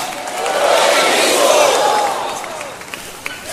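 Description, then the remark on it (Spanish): A large crowd shouts back together in a loud, sustained roar of many voices that swells for a couple of seconds, then trails off into scattered calls. “Gracias, allá me lo gritaron bien fuerte.”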